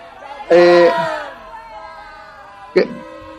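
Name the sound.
crowd whistling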